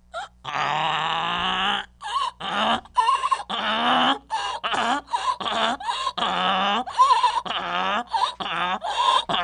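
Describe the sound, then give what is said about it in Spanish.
An 80-year-old donkey brays loudly, a long harsh call followed by a rapid series of rasping, seesawing hee-haw cries that keep going without pause. “No te quieren, hermano, quieren que te tire mi burro, pero no, ya mi burro ya está calmadito ya. Ya tiene 80 años el burro, ay, tatita.”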